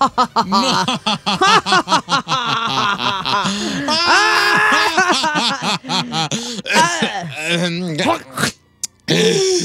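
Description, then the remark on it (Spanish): A person screams and wails loudly in strained, wavering bursts, the pitch sliding up and down, with a long sustained shriek in the middle and brief choppy gaps toward the end. “Qué feo gritas, neta.”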